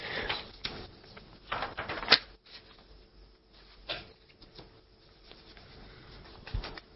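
Papers being rustled and shuffled, with irregular crinkly bursts and soft handling noises coming and going over several seconds, no talking.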